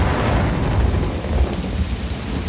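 A steady hiss of heavy rain pours down while deep thunder rumbles continuously underneath, a loud, enveloping storm with no voices.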